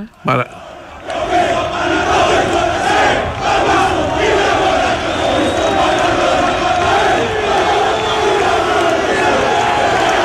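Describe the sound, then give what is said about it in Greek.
A huge stadium crowd at Napoli chants Maradona's name in unison: a loud, sustained roar of many voices that swells in after a brief opening thump and carries on steadily to the end. “Είναι όταν πήγε στην Νάπολη εδώ που φωνάζουν οι άνθρωποι εκεί Μαραντόνα και Μαραντόνα και έκανε τσαλιμάκια στο γήπεδο, τεράστιος παίχτης.”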